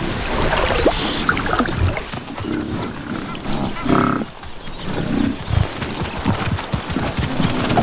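Several African buffalo slosh and splash through river water, bathing before setting off at the start of the rainy season, with deep grunting bellows rising now and then over steady watery churning and no voices.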